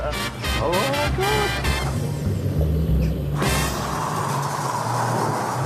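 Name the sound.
old car engine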